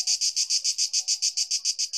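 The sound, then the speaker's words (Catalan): Cicadas singing in hot weather in a loud, steady run of rapid rhythmic pulses, a bright shrill buzz repeating about seven times a second, with no voices. The sound comes from a rigid chitin plate, with the abdomen acting as a resonance chamber. “Hem de dir que jo duc dies mirant, bé, escoltant cigales, tots, perquè amb aquesta calorada canten a ple pulmó o a plena membrana.”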